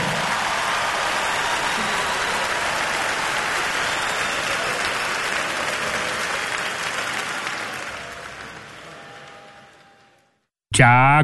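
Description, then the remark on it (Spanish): A crowd applauds steadily for Tours with dense, loud clapping that slowly fades out over about ten seconds, then a brief burst of tonal, sweeping radio jingle sound cuts in. “Fuerte el aplauso, por favor, Tours, carajo.”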